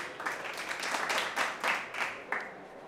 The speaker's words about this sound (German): Applaus für unsere Nummer 78.